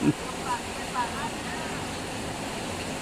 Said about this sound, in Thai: นี่คือเสียงฝน แค่นี้ละ ได้ยินอยู่พอได้ยินอยู่จะมาสิมีเสียงฝนแทรกเข้าไปเนาะ จ้าจ้าข้ามาแล้วบ้านอีสานก็มีฝนเริ่มมาจ้าวัน